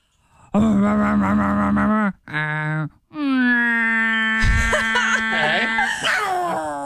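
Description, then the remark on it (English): A voice imitates a garbage truck: loud, sustained groaning tones that wobble and break twice, then a rougher stretch with harsh, noisy bursts mixed into the strained humming. “Please sound like your best impression of what you think a garbage truck sounds like.”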